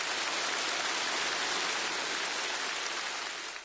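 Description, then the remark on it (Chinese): Dense, sustained applause from the whole audience at a rally celebrating the 105th anniversary of the founding of the Communist Party of China, as Xi Jinping delivers an important speech: a steady crackling wash of many clapping hands at an even loudness that eases off slightly at the very end. No one speaks. “在全场热烈的掌声中，习近平发表重要讲话。”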